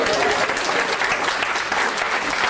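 An audience applauds steadily, a dense, even patter of many hands clapping at a consistent loudness throughout with no pauses.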